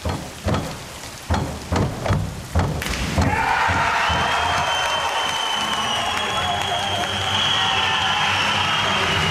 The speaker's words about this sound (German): So klang das am Abend in Paris bei der Schwimm-Europameisterschaft und der Jubel galt unserem Synchron-Wasserspringern Lou Massenberg und Jonathan Schauer aus Halle. Sekunden später gab es dann für Fans und Trainer die Bestätigung, das war Gold.